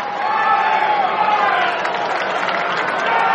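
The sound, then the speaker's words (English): A baseball crowd cheers and yells for Brian Torres in a steady, loud roar of many overlapping voices, holding without a break for a few seconds with a slight swell near the end. “And they're yelling for Brian Torres.”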